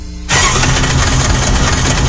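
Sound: car engine starting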